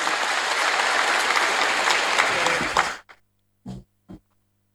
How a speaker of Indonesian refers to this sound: Yang saya hormati, abang saya, Bupati Benar Meriah, Insinyur Haji Tagore Abu Bakar. Tepuk tangan untuk beliau.